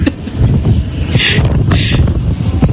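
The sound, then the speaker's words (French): A steady, loud rumbling drone of an aircraft engine, filling the whole clip with dense low-pitched noise and a brief brighter hiss partway through. “Grâce radio, surtout Exo FM, on a pu rentrer dans l'avion, découvrir l'avion.”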